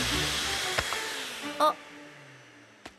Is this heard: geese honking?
no